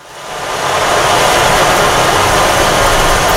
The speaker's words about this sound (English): So you can emulate the sound of rain, or you can take it to the sound of the ocean and do waves as well.